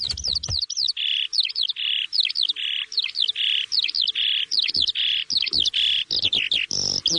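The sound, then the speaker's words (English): A Eurasian skylark sings a continuous, rapid, high-pitched warble of chirps, trills and buzzy repeated notes, bright, with no talking over it. “The Eurasian Skylark.”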